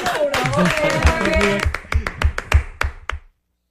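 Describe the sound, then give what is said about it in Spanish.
A voice speaks briefly, then a short burst of applause for the production crew follows: roughly eight crisp, loud claps in a quick, fairly even rhythm that stop abruptly. “Vamos, bravo, aplauso para la producción.”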